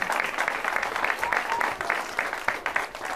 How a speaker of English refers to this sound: I'm rather flattered that you folks clap like you do, because they don't see before the show that, in fact, you got to keep clapping and clapping and clapping, and that's very nice of you.